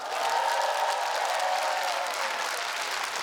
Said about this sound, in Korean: 여러분 다시 한번 커다란 한 박수 부탁드립니다.